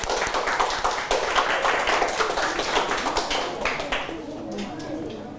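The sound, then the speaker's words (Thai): A group of students in a class applauds a classmate together, a dense patter of many hands clapping at once, holding steady for several seconds before thinning out and fading near the end. “ครับโอเคปรบมือให้กับเพื่อนนะครับ”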